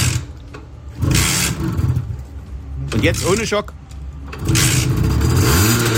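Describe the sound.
A small two-stroke Simson S51 moped engine, won as a radio prize and started with a key, sputters to life and revs in bursts, its buzzing drone rising and falling under brief speech.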